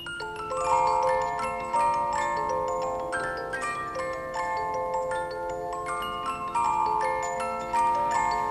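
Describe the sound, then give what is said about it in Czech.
A wound-up clockwork music box plinks out a bright, tinkling melody of plucked metal notes, steady, with a faint mechanical ticking beneath and no voices. “Mám náladu na trochu muziky. Natáhni ten strojek.”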